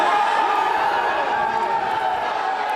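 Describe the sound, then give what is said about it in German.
A dense, steady roar of a crowd cheering and shouting together outside a courthouse in Los Angeles after a jury acquitted a rapper of ordering a murder. Many overlapping voices blend into a continuous wash of noise, loud and sustained throughout. “Jubelszenen vor einem Gerichtsgebäude in Los Angeles.”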